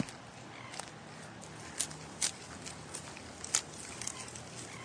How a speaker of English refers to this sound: What a cool nature sound. Can you be a quokka, munching and crunching on some leaves and fruit?